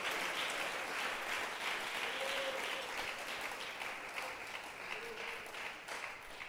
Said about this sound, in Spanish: Démosle un aplauso al Rey de Reyes.